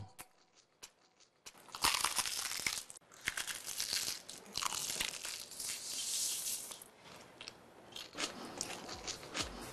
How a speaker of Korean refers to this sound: 입혀 크런치하고 크리스피하다. 크크크 치킨 바삭함의 끝판왕. 바삭 60개 치킨 크크크.